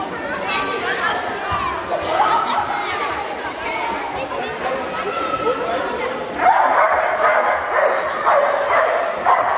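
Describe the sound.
Erna, a dog from the Eisleben animal shelter am Sandgraben, barks and yelps intermittently during a demonstration amid a busy crowd's chatter in a reverberant indoor hall, the voices growing louder toward the end.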